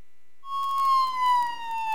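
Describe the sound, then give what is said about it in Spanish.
A police patrol car siren wails in after a brief silence, one loud tone sliding slowly downward with no voices present. “Patrulla, patrulla.”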